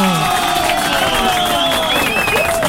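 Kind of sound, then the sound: crowd, applause and cheering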